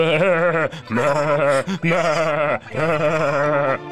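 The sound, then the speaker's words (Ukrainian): Sheep bleat loudly, four long wavering calls in quick succession with only brief gaps between them, the cries overlapping like several animals in a flock as the sheep scatter in alarm when wolves seize a lamb. “Вівці заметушилися, замекали, кинулися в розтіч.”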